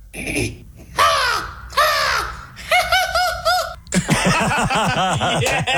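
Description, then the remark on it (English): A person mimics an American crow's cawing with a string of loud, harsh, nasal caws, a couple of drawn-out calls followed by quicker repeated bursts. “So if you could give us the American crow, that would be great.”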